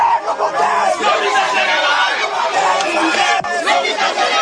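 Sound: protesters chanting and shouting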